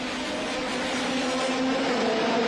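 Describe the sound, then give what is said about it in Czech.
A steady, loud engine roar with a droning tone and broad rushing noise, holding constant throughout without pause, from powerful IndyCar racing cars racing through the city centre of Washington, USA. No voices are heard. “Od časného rána zní centrem města dunění nejsilnějších závodních motorů.”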